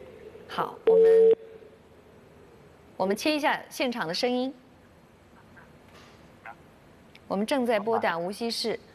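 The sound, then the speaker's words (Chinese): A single brief, steady phone dialing tone beeps loudly near the start as a live broadcast calls Wuxi Honghao Elevator Technology Co., followed by stretches of people talking with quiet pauses between. “好，我们切一下现场的声音。我们正在拨打无锡市宏浩电梯科技有限公司”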